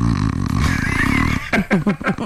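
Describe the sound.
A voice imitates snoring with a long, low, rattling drone, followed by four or five quick, choppy snorting bursts.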